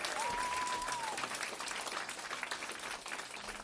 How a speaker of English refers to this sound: But it takes a lot of people to pull this off, so I want to just acknowledge all the volunteers, the sound, the organizers. I want to give them a big round of applause, please.